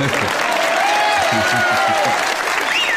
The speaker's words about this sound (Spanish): Los aplausos vienen porque me está asaltando el señor Edward G. Robinson.